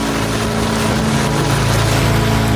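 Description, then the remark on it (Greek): A steady, loud rush of ocean water fills the whole stretch, with a constant low rumbling hum underneath and no voices. “Ένα κύμα του ωκεανού.”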